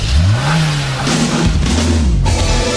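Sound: car engine revving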